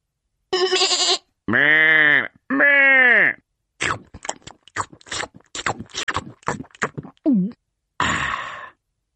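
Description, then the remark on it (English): Two drawn-out, quavering bleats from a hungry sheep sound loud, one right after the other, followed by a run of quick crunching, chewing-like clicks as it nibbles grass, and a brief rustle. “When the cat has gone to sleep, I nibble grass like a hungry sheep.”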